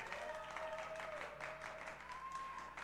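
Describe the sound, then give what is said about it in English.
An audience applauds as a young performer billed as Star of Tomorrow is welcomed to the stage, a steady, dense wash of clapping that holds at an even level throughout, with a thin, sustained tone drifting faintly above the noise. “Ladies and gentlemen, one big hand for Star of Tomorrow”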